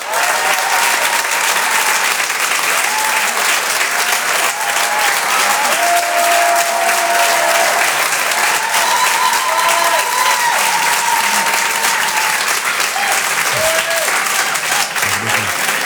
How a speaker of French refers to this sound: Je vous demande de l'applaudir très très fort s'il vous plaît lui aussi. Voici en direct sur Rire et Chanson, Jean-Luc Lemoine.